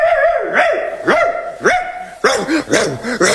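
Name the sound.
dog barking excitedly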